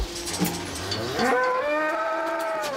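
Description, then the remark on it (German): A cow moos loudly, one long drawn-out call that rises and wavers, with no talking over it. “Das ist die typische Vorzeigekuh hier.”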